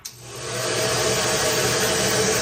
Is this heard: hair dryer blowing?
yes